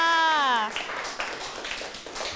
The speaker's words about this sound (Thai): เอาละค่ะขอเสียงปรบมือให้กับกลุ่มที่หนึ่งค่ะ